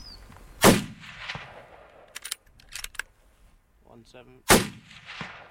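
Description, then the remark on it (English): Two loud, sharp rifle shots crack about four seconds apart, fired at deer about 170 metres away, each trailing off in a short rumbling decay, with faint clicks and a brief murmur of a voice in between. “Would the gunshot now spook that other herd?”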